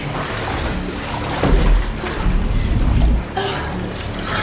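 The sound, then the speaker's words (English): Water pours and churns steadily into a glass cell in which a woman is trapped, a continuous rush with a deep low rumble that swells briefly midway before settling. “the cell gradually fills with liquid”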